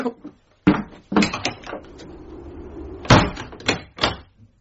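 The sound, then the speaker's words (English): A door is handled and shut, a series of sharp knocks and thumps with metallic clicks and rattles, like a latch and lock being worked, and no voices. “I was going to leave the door open as well, but I'm probably well going to lock it now.”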